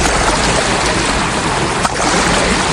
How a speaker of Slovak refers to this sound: Áno, je to more. Tentokrát nie je more problémov, ktoré máme na Slovensku. Je to naozajstné, možno Jadranské more.